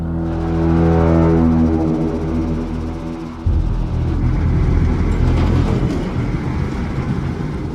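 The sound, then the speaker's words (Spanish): A car engine with half a tank of fuel hums with a steady, droning tone, then after a few seconds breaks into a loud, rough roar as it starts and revs up, with no one talking. “Este arrancó. Aún tiene medio tanque.”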